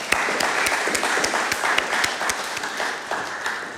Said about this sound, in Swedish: Jag tycker hon är värd en applåd.